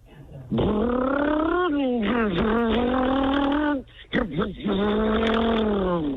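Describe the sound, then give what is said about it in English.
A voice imitates a car engine with a loud, sustained buzzing hum whose pitch rises and dips like revving, breaking off briefly near the end before resuming. “That's a car.”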